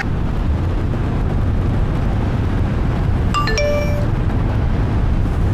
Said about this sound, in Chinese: 哥，哥，您这手机一直在响呢。